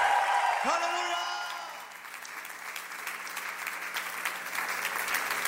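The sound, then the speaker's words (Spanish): An audience applauds the Lord steadily, a dense wash of clapping from start to finish, with a brief shouted voice rising over it near the beginning. “ese fuerte aplauso al Señor.”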